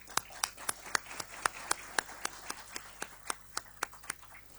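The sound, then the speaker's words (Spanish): Applause from an audience for the university before a candidates' debate, heard as a steady run of about eighteen sharp, evenly spaced hand claps in a brisk rhythm, fairly soft overall and fading slightly toward the end. “Así que, antes que todo, quiero pedirles un aplauso para la universidad.”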